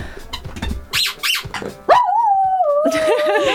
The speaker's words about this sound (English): I think that'd make a great jingle, just Poppy howling. Just Poppy howling.